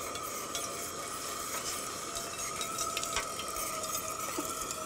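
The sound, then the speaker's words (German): Water pours steadily into a cooking pot, a continuous rushing hiss with faint clinks of cookware, and no one speaking. “Machst du hier mal so viel Wasser rein?”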